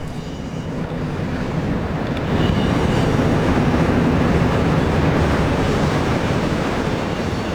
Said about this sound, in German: Jetzt kommt ein Zug.